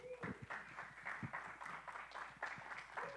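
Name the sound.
audience applause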